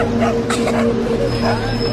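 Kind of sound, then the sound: animal, small dog barking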